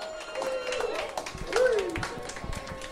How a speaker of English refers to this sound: Can we get another round of applause for …?